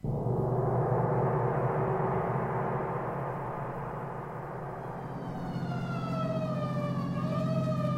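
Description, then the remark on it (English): An emergency vehicle siren rises into a steady wailing tone over loud engine rumble as the vehicle turns, heading to an alarm on Pine Street along an empty rural road. The siren is continuous throughout, with no voices. “So why the siren?”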